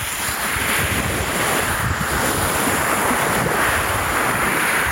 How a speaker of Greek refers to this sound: Αυτό τον ήχο της θάλασσας. Το κύμα που σκάει στην ακτή. Διάφανα νερά. Κυκλαδίτικες ακτές. Αυτός ο ήχος.